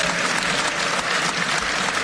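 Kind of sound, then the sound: crowd, applause in parliament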